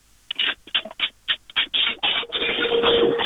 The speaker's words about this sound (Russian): Это звуки скорее стиральной машинки, я так понимаю.